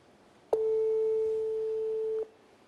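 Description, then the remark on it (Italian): A single steady, loud telephone tone holds for nearly two seconds and then cuts off abruptly, with no one speaking, after the person called in Cameroon hung up on a live call. “In Camerun, ha messo giù, è un tentativo live, in diretta, ha messo giù”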